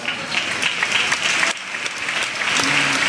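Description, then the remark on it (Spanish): A crowd applauds loudly and steadily, a dense wash of clapping that holds for about three seconds, with a brief dip midway before swelling again, honoring the Fallera Major Infantil de València 2026. “Rebem amb un fort aplaudiment l'acord d'honor de la Fallera Major Infantil de València 2026.”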